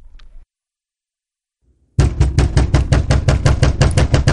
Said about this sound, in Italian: Oggi bussano tutti, continuamente.